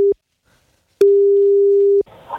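A steady electronic telephone ringback tone sounds in a short beep and then one long one-second tone, followed by faint rustling as the line picks up.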